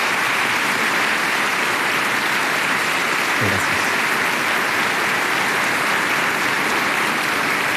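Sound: applause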